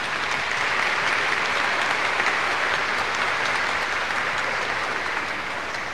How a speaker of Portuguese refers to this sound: Vamos agradecer a Pastoral da Criança e a comunidade de Santo Antônio com uma forte salva de palmas.